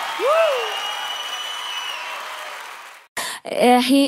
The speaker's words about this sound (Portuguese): E com todo o carinho dessa plateia maravilhosa aqui. Beijo! Salve de palmas para todas as minhas fãs lindas, maravilhosas e cheirosas!